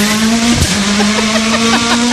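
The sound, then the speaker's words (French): A loud, steady imitation of a car engine starting up, made by a voice: a continuous buzzing drone that holds one pitch for about two seconds, rough and gritty, with no talking around it. “Une voiture au démarrage? Ouais. Le bruit de la voiture.”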